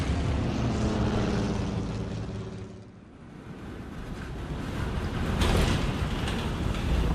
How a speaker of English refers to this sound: Fifteen minutes later, as they flew over a snow-capped mountain pass, the aircraft ran into severe turbulence. We're in a nosedive! The plane's totally out of control!